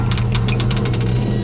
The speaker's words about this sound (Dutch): En op de 5 gaan we nog een keer dobbelen.